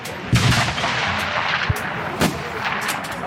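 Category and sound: impact, rifle shot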